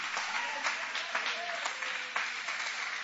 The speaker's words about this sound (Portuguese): Levante a sua mão aplaudindo o nome dele com uma alegria.